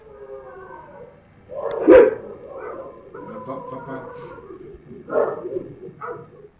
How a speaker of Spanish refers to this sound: Pero, ojo, ¿eh? Antes de que se escuche todo el lamento, los perros empezaban ya a alocarse. O sea, ya se habían dado cuenta de una presencia ahí.